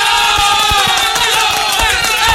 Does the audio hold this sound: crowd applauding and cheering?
yes